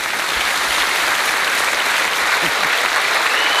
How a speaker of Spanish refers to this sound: Tampoco es que les estaba pidiendo un aplauso, ¿no?